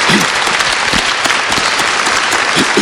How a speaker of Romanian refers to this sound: Vă rog să o aplaudați.